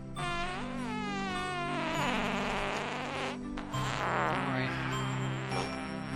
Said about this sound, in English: All of the farting songs start with farting. Okay, farting, silent night.